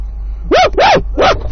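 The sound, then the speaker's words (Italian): A dog barks three times, loud sharp barks with a slight yelping rise and fall, the second one drawn out, over a low steady background hum. “Che c'è, cane?”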